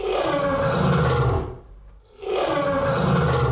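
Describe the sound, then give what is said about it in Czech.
A lion roars loudly in two long, rumbling bursts separated by a brief pause, with no voices present. “Lva jste poznali skvěle a už taky víte, jaká kouzla umí takový mistr zvuku.”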